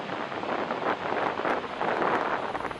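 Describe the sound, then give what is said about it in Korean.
The huge Dettifoss waterfall roars in a steady, dense wash of rushing water that never lets up, with slight surges in loudness and no voices. “By far the most powerful, biggest waterfall I've ever seen.”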